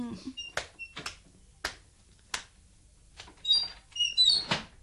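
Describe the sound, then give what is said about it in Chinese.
A wooden door creaks open: a few sharp clunks and clicks, then a stretch of high, squeaky groaning hinges, with no voices, as someone opens it to call for more wine to be brought in. “唔使怕，等我开门叫人攞酒入嚟啦吓。”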